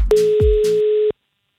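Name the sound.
telephone ringing tone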